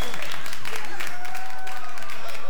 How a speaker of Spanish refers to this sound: Che, un aplauso gigante para las garritas de pollo, de la gallinita.